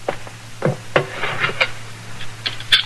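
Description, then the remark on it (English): A basin of hot water is set down on a wooden chair: a few dull knocks and clunks spread over a few seconds, with a soft scraping shuffle between them and a low steady hum behind. “There's the water, Doc. It's hot. Thank you, Sarah. Put it down on that chair.”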